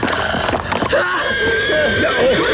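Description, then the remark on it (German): Brief scuffling and clattering noises give way to a loud, wavering, high-pitched whinny from a startled horse, trembling and sliding in pitch for over a second with no talking. “Du hast mein Pferd und mich beinahe zu Tode erschreckt.”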